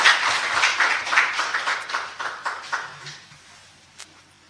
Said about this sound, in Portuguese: Uma salva de palmas para todos os presentes.